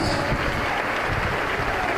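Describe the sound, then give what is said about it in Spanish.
A stadium crowd gives a sustained ovation for Celta de Vigo player Alex Febas as he is substituted off, a dense wash of clapping and cheering that holds at a steady, fairly loud level throughout, with no clear voices standing out. “Escuchamos ahí la ovación.”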